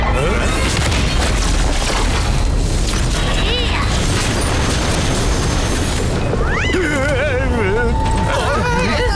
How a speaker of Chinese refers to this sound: 听到这震动的声音，这算什么好消息啊？ 陛下，应该是我们的队友猪猪侠在减缓王国之城的下落速度。